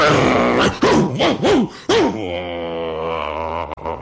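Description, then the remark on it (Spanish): A dog barks loudly, four or five sharp barks in quick succession, then breaks into a long, sustained growl that carries to the end. The dog is barking nonstop as it comes down with the owner of the house. “Al rato, bajó el dueño de la casa con un perro que no paraba de ladrar.”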